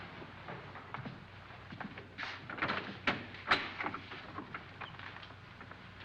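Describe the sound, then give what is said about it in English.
Several doors are opened and shut in quick succession, a cluster of clicks, rattles and thumps near the middle, over a low steady hum with no one speaking. “Boy, I've never seen so many doors.”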